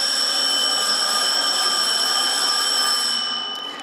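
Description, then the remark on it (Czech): A school bell at a Czech school on a maturita exam day rings loudly and without a break for over three seconds as test administrators head to the classrooms, a bright, buzzing metallic tone that holds steady and then begins to fade at the end. No one speaks. “Zvoní a tak se zadavatelé testů vydávají do tříd.”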